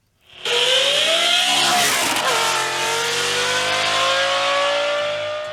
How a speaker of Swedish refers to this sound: Vi ska nämligen prata med en man nu som har satt in en Lamborghini-motor i sin Volvo 245. Vi kan bara lyssna lite först på hur den låter då.